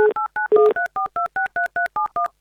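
A telephone number being dialed to call a listener on the Avtoradio radio show: a quick, steady series of about eleven two-tone touch-tone beeps, each short and clear, with brief gaps between them and no voices.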